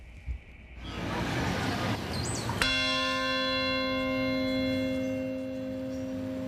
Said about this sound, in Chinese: 曼哈顿下城响起一声钟声，召唤全国默哀。这是自从2001年9月11号起每年纪念的6个关键时刻中的第一个。